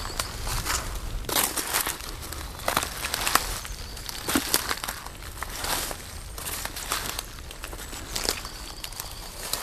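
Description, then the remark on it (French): Steady footsteps crunch and crackle through dry dead leaves and brush in an irregular walking rhythm with bursts of rustling vegetation and no voices. “Et à nouveau, nous nous enfonçons dans la végétation.”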